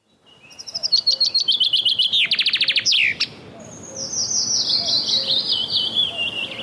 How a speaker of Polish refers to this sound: Zięba. Nie większa od wróbla. Pięknie ubarwiona. Skrzydła czarne z dwiema białymi pręgami. Kuper zielonkawy. Jej dźwięczny śpiew można usłyszeć dosłownie wszędzie, gdzie rosną duże drzewa.